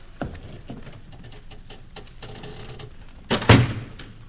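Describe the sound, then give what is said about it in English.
A door being shut on a prisoner swings closed with a heavy thud near the end, preceded by a series of small clicks and creaks of the handle and latch. No one speaks. “The door, Yusuf. Cork up our prisoner.”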